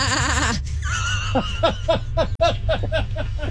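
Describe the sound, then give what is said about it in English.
A person imitates a sheep's bleat with a wavering, quavering voice, then breaks into a run of short, rhythmic chuckles, fairly loud. “That was a pretty good impression.”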